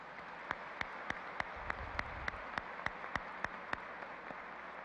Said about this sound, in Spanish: Muy buenos días, queridos peregrinos que visitan nuestro Santuario Mariano Nacional de la Reina y Patrona de Colombia, a quien le damos un gran aplauso.